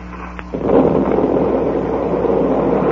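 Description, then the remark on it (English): A low steady hum gives way to the sudden muffled underwater detonation of an explosive planted on a wreck, which swells into a loud, sustained, deep rumbling roar that churns on without fading as the wreck is ripped open. “That explosion must have ripped the wreck wide open.”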